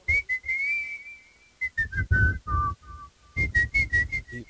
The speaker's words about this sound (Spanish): pero ella siempre la chiflaba ahí en la carnicería. Así la chiflaba mi mamá, y a mí se me quedó grabado ese chiflido.